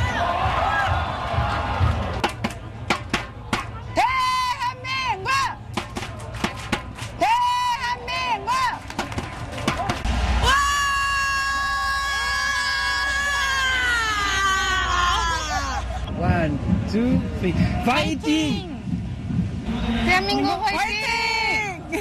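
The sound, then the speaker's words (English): French fans of South Korea scream and cheer in Seoul in a loud, excited crowd, with high, wavering shrieks rising over a constant roar of voices and rapid clatter throughout. “That was mainly screaming, but it gives us a sense of the passion, I guess, and the global impact of the game as well.”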